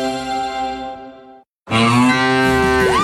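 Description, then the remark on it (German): Two loud, drawn-out cow moos, the first fading away before a brief silence, then a second, rougher moo rising and bending in pitch, clear with no talking. It is the 'Muhender Müller' sound from an Antenne Thüringen radio contest. “Finde eine der letzten beiden Muhenden Müller”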